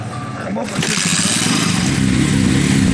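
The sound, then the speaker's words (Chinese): Several motorcycles rev and pull away as villagers and forest rangers ride out of Shangmangling village across the fields toward Mangcuo Lake to collect litter, their engines swelling louder and rougher after a brief moment, a steady droning roar filling the scene. “确认完人数，村民们便会驾驶着摩托车离开村庄，穿过田野，向着莽措湖出发。”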